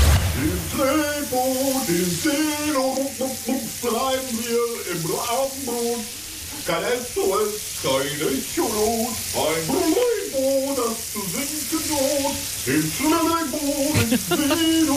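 A shower runs with a steady hiss of spraying water for the whole stretch, while a man sings loudly under it without pause.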